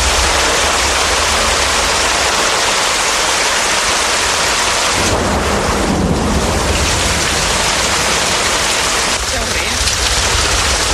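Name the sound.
rushing floodwater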